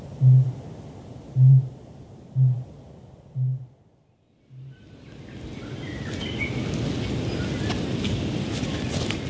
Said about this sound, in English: from the island tops in the distance, a kākāpō is booming. Hopelessly late for this breeding season, maybe practicing for the next.